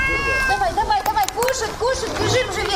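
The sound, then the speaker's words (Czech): Several cats meow repeatedly in short, overlapping calls, fairly loud over a busy background of outdoor noise and faint babble; cats cared for by a woman on the waterfront in Odesa, Ukraine. “nasadí ruksak, 10 kilo krmiva pro kočky, nějakou vodu a vyráží na pobřeží”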